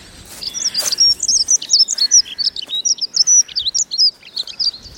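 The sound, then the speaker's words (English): A lively stream of high, rapid bird chirps and warbling notes in the morning woods, rising from treetops, hedges, leaf litter and fence posts, tumbling over one another in quick bursts of peeps and trills with no voices present. “It fills the woods with peeping and chirruping, warbling and jittering.”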